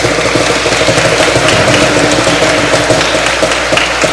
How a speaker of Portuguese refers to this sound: nossas palmas para os ganhadores.